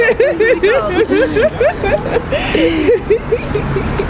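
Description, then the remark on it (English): Outdoor street ambience at a big busy intersection by Vauxhall Station in freezing cold weather: a steady wash of traffic noise runs underneath, while people chatter and giggle over it throughout. “Underground at the big busy intersection, and it's really, really freezing.”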